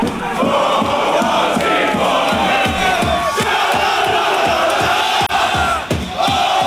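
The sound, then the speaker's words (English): A loud crowd of Australian fans cheers and chants together inside a local Walmart before the Socceroos' match against Egypt in Dallas, voices merging into a steady roar with a rhythmic, pulsing beat running through it the whole time. “Before the match, Australians were seen taking over a local Walmart.”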